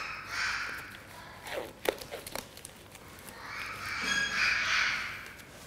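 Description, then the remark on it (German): A parakeet at a veterinary clinic, there for treatment of a foot injury caused by its slipped leg ring, squawks in two loud, harsh bouts, one at the start and a longer one near the end, with scattered clicks and rustling in the quieter gap between them. “Dieser Gustavsittich ist hier bei uns in der Klinik, weil dieser Vogel ein Problem mit seinem Ring hatte.”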